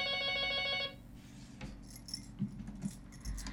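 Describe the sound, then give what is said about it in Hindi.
A telephone rings loudly with a rapid trilling tone for about a second as a listener calls in to a radio phone-in programme, then cuts off abruptly, leaving faint rustling and handling noises. “अब तो फोन अब लागे वाला फोन के घंटी बीच बीच में बाजत है।”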